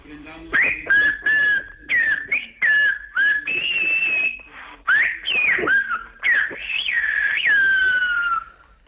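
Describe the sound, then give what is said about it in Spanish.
A loud human whistle in Silbo Gomero, the whistled language of the Canary Islands, whistling the message 'the Pope is already here, let us raise our gaze' during coverage of Pope Leo XIV's Mass: a rapid series of sharp, rising and falling whistled tones in short bursts, ending with a longer sustained gliding phrase, with no talking. “Vamos allá, lo haremos con el Silvo Gomero y lo voy a silbar aquí y voy a decir, el Papa ya está aquí, alcemos la mirada.”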